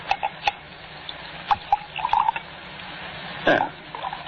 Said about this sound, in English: Shall we have another drink? May I pour? If you like.